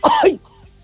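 A single short, rasping throat-clearing cough from a woman sitting in bed, caused by a thyroid problem, fairly loud, lasting under half a second before fading to quiet room tone.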